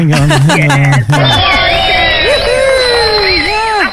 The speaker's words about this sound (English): So Huskisson was inducted into the Hall of Fame at the New South Wales Top Tourism Town Awards. So very exciting. Where's your round of applause there